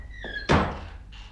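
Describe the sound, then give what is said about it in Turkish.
A door shuts with a single solid thunk, preceded by a faint creak or squeak of the door moving and followed by a brief soft rustle. No one speaks. “Kapıyı kapa önce.”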